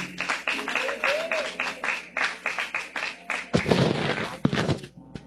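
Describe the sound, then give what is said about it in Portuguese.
A church audience claps together to welcome the pastor, in a steady, brisk rhythm, then breaks into a louder, denser burst of applause near the end, with voices mixed in beneath the clapping. “Recebamos o pastor com palmas bem alegre para Jesus.”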